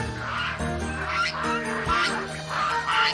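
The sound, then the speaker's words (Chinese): A domestic goose, just caught to be cooked for dinner, honks repeatedly, loud and close, with harsh nasal calls following one another in quick succession and no talking. “大鹅已经准备就绪，今天的晚饭有了着落。”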